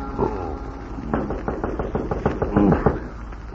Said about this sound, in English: I am on my bed when I hear a knock on my door.